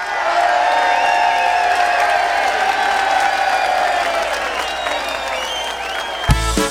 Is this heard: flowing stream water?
no